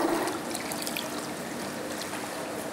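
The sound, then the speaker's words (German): Water trickles and gurgles steadily through an aquarium siphon hose while the gravel is cleaned with a siphon bell, the debris drawn through the hose straight into the drain; a continuous flowing sound with faint bubbling, holding an even level for the whole stretch with no talking. “Und dann geht gleich der ganze Mulm, also der ganze Dreck, verschwindet gleich durch den Schlauch direkt ins Siel.”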